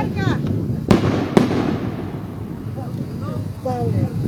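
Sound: festival firework rockets exploding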